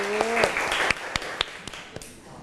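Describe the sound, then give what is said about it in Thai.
A short burst of scattered, uneven hand claps from a class applauding a classmate who spoke for a group, sharp separate smacks rather than a full roar, with a brief voice tone at the very start. “โอเคค่ะขอเสียงปรบมือให้อีกหนึ่งครั้งค่ะ”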